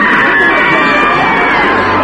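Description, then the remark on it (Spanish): A large cinema audience screams together in a loud, sustained wall of shrieks and yells, urged by an announcement to scream for their lives, many voices overlapping without pause for a couple of seconds. “Señoras y caballeros, por favor, que no cunda el pánico, pero griten, griten para salvar sus vidas.”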